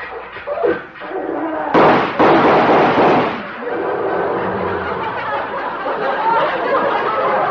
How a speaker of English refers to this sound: He's come over to see me in this tractor. Tractor?